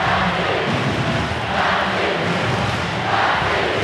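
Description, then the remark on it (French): A crowd of spectators at a swimming competition shouts and roars loudly and continuously, a dense wall of voices with no pauses, swelling slightly in waves throughout. “À défaut de goodies, ils savent comment mettre l'ambiance avec une technique simple. Crier. Crier fort. Très fort.”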